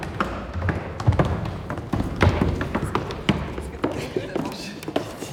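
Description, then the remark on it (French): Musicians shift chairs around, with repeated knocks, thuds and scrapes, while they talk, laugh and cough indistinctly, a busy bustle of activity. “Les musiciens bougent les chaises. Ils parlent, ils rient, ils toussent.”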